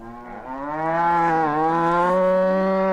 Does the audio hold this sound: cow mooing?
yes